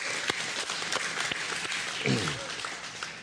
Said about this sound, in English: All right, now, amen. Let's clap for God, right? Come on.